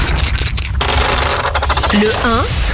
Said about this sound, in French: On y va, on lance les dés pop rock